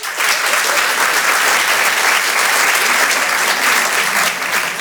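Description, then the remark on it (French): An audience at the Apollo claps steadily throughout, answering comedian Jérémy Charbonnel's call to applaud if they do not know him, a dense, loud wash of many hands with no pauses and no voices standing out. “Alors, juste, par applaudissement et vraiment par honnêteté ce soir, soyez honnête avec moi, par applaudissement, qui ne me connaît pas du tout?”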